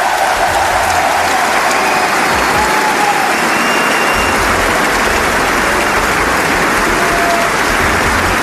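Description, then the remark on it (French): A crowd at the Suzanne-Lenglen court cheers and applauds tennis player Moïse Kwame after his match win. The sound is loud and steady: dense clapping mixed with shouts and whistles, a continuous roar with no talking over it. “Les acclamations pour Moïse Kwame, c'était le zapper de la semaine.”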